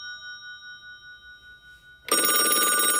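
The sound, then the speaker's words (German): A telephone rings with a steady, sustained electronic tone for about two seconds, then a loud, dense burst of sound abruptly takes over. No one speaks. “Da geht man natürlich gerne ans Telefon.”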